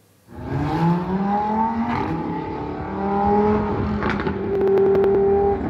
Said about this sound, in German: sich darüber nicht so recht freuen, denn im Frühling nehmen auch die Raser und Poser wieder Fahrt auf, buchstäblich. Und deren Motorengeheul übertönt jedes Vogelgezwitscher.